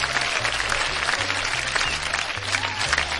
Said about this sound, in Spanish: Aquí en la República Mexicana, para las personas que nos hacen el favor de escucharnos fuera del país, o los que, los que nos escuchan fuera del país son compatriotas, un aplauso para las compatriotas. ¡Ah! Los mexicanos.